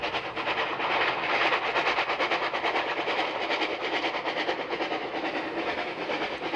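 The Ibstalbahn, a 760 mm narrow-gauge railway in Lower Austria, chugs steadily along the tracks through the Eisenwurzen landscape, its rapid, even puffing and clatter holding a constant rhythm over a low rumble, with no voices throughout.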